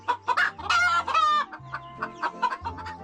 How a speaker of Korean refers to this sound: 낯선 방문객에게 놀란 것도 잠시. 평화로운 아침 식사를 즐기는 닭들.